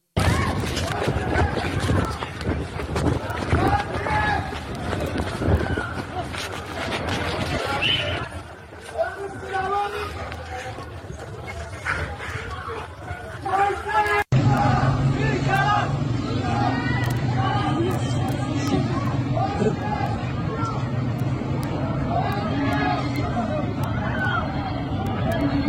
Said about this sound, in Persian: گسترده نیروهای امنیتی و درگیری با شهروندان در اطراف میدان علی خانی محل اجرای حکم اعدام حکایت دارد. بر اساس گزارش‌ها، ماموران در برخی از خیابان‌های منتهی به این میدان برای متفرق کردن معترضان از شوکر، گاز اشک‌آور و گلوله‌های ساچمه‌ای استفاده کردند.